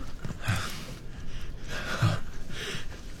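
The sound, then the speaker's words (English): Slow, labored breathing of a dying man with a wet, rattling rasp from lungs filling with fluid, two or three heavy breaths with no talking, each one noisy and strained. “You hear his breathing. That rattling sound. It's because his lungs are filling up with fluid.”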